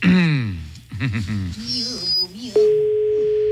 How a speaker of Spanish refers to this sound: Está sonando, ¿verdad? Está sonando. Está sonando el teléfono ya.